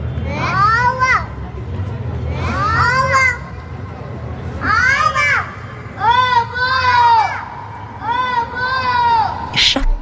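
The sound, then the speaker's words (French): A baby cries and babbles in a run of rising and falling wails, each burst lasting about a second with short pauses between, over a low background rumble. “Avant de parler, et même avant de chanter, elle crie, elle pleure et elle babille.”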